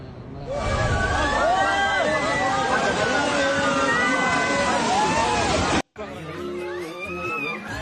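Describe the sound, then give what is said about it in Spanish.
A loud, continuous roar as part of a mountain breaks away in a landslide and crashes into the rushing Kali Gandaki river in Nepal, with excited voices shouting over it, then an abrupt cut to quieter churning water. “Las imágenes captaron el momento en que parte de una montaña se desprendió en segundos y se precipitó sobre el río Kaligandaki.”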